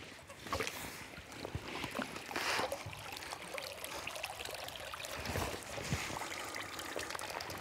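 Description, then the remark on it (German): Water steadily drips and trickles back down as a cage holding young Baltic houting is lifted far out of the water, draining through fine mesh, a continuous splashing and pattering with no voices, including a brief brighter gush midway. “Müssen wir den erstmal ziemlich weit aus dem Wasser rausholen, um an die Fische ranzukommen.”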